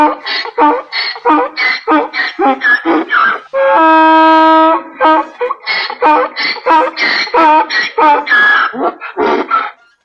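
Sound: donkey braying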